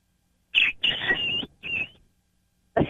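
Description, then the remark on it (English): A person imitates a bantam rooster's crow, giving a loud sequence of strained, shrill vocal bursts with short breaks between them, ending on a final sharp burst. “And then he gives his crow.”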